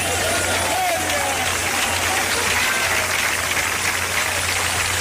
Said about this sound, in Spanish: Cuando aplauda, hermano, aplauda a todo el mundo. Porque aquí lo más lindo es que estamos juntos, unánimes.